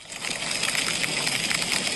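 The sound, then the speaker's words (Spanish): Hail pelts down hard and fast during a Thursday evening storm in the interior of Valencia province, a dense, continuous clatter of countless tiny impacts, a bright hissing roar that holds steady throughout with no voices. “El granizo, como han escuchado, caía en poco tiempo y con fuerza.”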